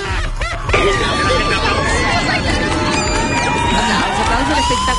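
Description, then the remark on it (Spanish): A large crowd watching a solar eclipse roars with cheering and clapping as the diamond disappears, a loud, steady wash of many overlapping voices that swells in just under a second and holds for the rest. “No podía creerlo, ¿no? Y el aplauso, mira.”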